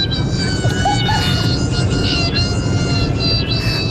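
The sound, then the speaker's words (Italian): An airplane roars overhead, a loud, steady low rumble with thin high-pitched engine whines layered on top, holding at an even level for the whole four seconds with no voices. “questo sembra un aereo. È un aereo.”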